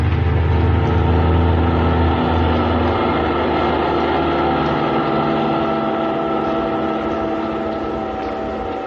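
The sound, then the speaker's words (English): A car engine runs steadily with a loud, continuous droning hum and deep low rumble, holding nearly constant throughout with no voices. “Kismine in the car that needed no roads.”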